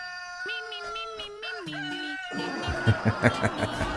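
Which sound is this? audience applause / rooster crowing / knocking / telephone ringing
rooster crowing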